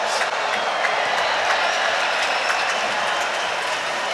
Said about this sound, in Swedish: Mer bifall. Och jag tror faktiskt att det här bifallet var till någon som hade släppt en sån här avlång ballong som man kan göra figurer av.